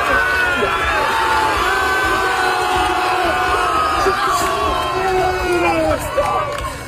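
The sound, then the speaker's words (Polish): A crowd of hundreds of people at the finish line cheers and shouts continuously as a swimmer comes out of the water after swimming across the Baltic Sea, a dense roar of many overlapping voices with rising whoops and calls, staying loud and steady throughout. “Przypomnijmy to jeszcze raz, jak pan Bartek wychodził z wody.”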